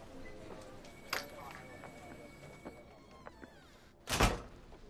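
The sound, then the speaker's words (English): A door swings shut with a single solid thud near the end, after a few quieter clicks and shuffling noises against a faint background. “Let me close the door so we can have some privacy.”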